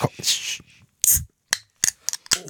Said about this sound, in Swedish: Jag har ju en liten tradition, det är ju att varje fredag så måste jag ju öppna min hallonsoda.